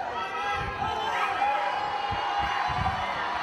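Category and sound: crowd, crowd of fans cheering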